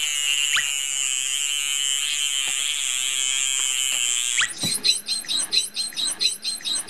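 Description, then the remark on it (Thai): Bottlenose dolphin vocalizations made through the blowhole: a long, high, wavering whistle with a few sharp clicks, then a rapid run of rhythmic, buzzing pulsed squawks. No one speaks. “รูจมูกตรงนั้นนะฮะตรงที่มีฟองๆอยู่นะครับนะฮะเป็นเสียงเราจะเห็นได้ว่าเสียงของโลมาเสียงจะเบากว่าจะเล็กกว่าคล้ายๆเสียงนกนะครับแต่ของโลมาพันหัวบาดนะฮะเสียงเขาจะดัง”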